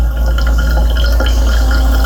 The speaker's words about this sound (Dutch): Een doorlopen van koffie. Ja, nu ik het weet, hoor ik het wel.